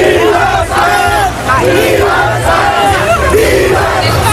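A large crowd of Spanish fans in New York cheers and celebrates Spain's World Cup final win over Argentina right after the final whistle, many voices shouting, whooping and chanting together in a dense, unbroken roar that holds steady for several seconds.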